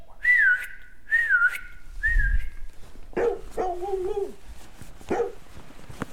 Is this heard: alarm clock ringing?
no